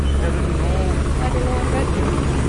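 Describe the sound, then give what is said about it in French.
Helicopters fly overhead amid a crowd of foreign journalists and cars, making a loud, steady rotor drone with a deep low thrum that fills the whole clip, while indistinct voices murmur faintly underneath. “Au milieu d'une nuée de journalistes étrangers, de voitures, du bruit des hélicoptères, nous apercevons une jeune fille.”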